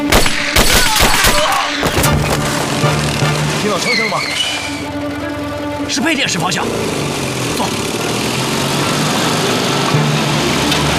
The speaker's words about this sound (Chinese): 听到了没有？好像是枪声。 是配电室方向，